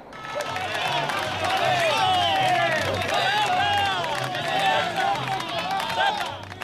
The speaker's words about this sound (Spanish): una asamblea que antes y después se ha encontrado con los piquetes de la huelga, quienes han increpado y aplaudido irónicamente también tras un cordón de seguridad muy fuerte de la Ertzaintza. Este uno de los momentos hace escasa media hora.